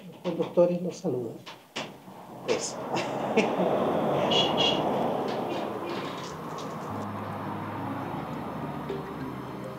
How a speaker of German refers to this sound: Er ist San Sebastian, der Schutzpatron der Fahrer. Und warum hört man die Hupen? Weil die Fahrer San Sebastian grüßen.